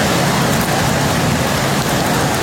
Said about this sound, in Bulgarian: Невижданите 80 литра на квадратен метър се изляха над Велико Търновско.